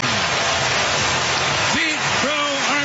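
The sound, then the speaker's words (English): A stadium crowd roars after a 435-foot leadoff home run in the first inning off Reds left-hander Andrew Abbott. It is a loud, steady wash of cheering, with individual voices whooping and yelling above it throughout. “Listen to this crowd.”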